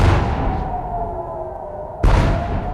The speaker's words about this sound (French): Une très lourde explosion il y a 50 minutes dans le ciel de Jérusalem, précédée d'une alerte 100 jours exactement après l'attaque américano-israélienne sur l'Iran.